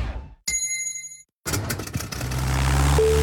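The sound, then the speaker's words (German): A single gong strike marking a hydration (drinking) break rings out with bright, sustained metallic overtones for under a second, then stops abruptly before a rumbling, engine-like noise takes over. “Der Gong.”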